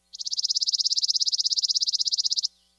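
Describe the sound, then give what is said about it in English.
A chipping sparrow sings a dry, mechanical trill: a rapid, perfectly even run of high chips lasting over two seconds at steady loudness, alone with no talking, ending abruptly. “Their song is sometimes compared to a sewing machine, consistent, dry, and mechanical.”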